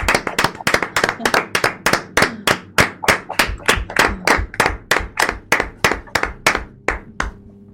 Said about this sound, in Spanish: Bueno, pues ahora vamos a pasar a hablar con las monitoras y la directora y vamos a darles un aplauso por lo bien que lo están haciendo con vosotros, ¿no? Y para ellos también, para todos.